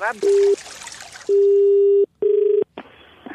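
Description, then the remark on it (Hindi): Loud, steady telephone tones sound in four separate bursts, one long and the others shorter, with brief gaps between them, like a call being dialed and ringing through, clear. “Hello hello, फिर phone कर दिया तूने?”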